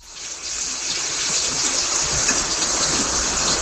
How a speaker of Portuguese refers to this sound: Ó a chuva.